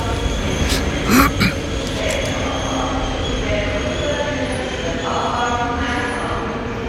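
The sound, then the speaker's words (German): A train pulls out of track 5 at Zürich station with a steady rumble of wheels and carriages, a brief metallic screech near the start, and faint tonal hums over the noise. “Und dort fährt der Pascal jetzt an. Also, Gleis 5, Zürich AB.”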